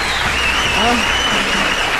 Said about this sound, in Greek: Κυρίες και κύριοι, υποδεχτείτε με ένα μοναδικό χειροκρότημα